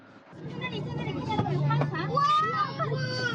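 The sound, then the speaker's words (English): A crowd of children's voices on a bus bursts into excited gasps and overlapping chatter as the blue shoreline comes into view on a trip to the coastal city of Yantai, loud, with a low engine-like rumble underneath. “When the blue shoreline finally came into view, the bus erupted with gasps.”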